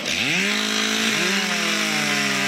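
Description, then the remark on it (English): A chainsaw roars up to full speed and stays loud, its engine pitch climbing then holding steady as it bites through timber in a competitive lumberjack race at a Canadian Lumberjack Championship stop in Mactaquac, New Brunswick, with no voices over it. “MacDaQuack's York Centennial Park was full of chainsaws, axes, and flying wood Saturday, gathering quite the crowd for its 5th annual Canadian Lumberjack Championship stop, with plenty on the line for the professional entrance”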